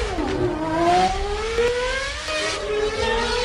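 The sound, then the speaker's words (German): The Red Force launch roller coaster, 112 metres tall and Europe's highest and fastest, accelerates to 180 km/h in 5 seconds: a loud mechanical whine climbs steadily in pitch with a rushing roar underneath, sustained for a few seconds with no voices. “Ich hatte es schon gesagt, Red Force, eine 112 Meter hohe Achterbahn, die nur 5 Sekunden auf 180 km/h hochbeschleunigt.”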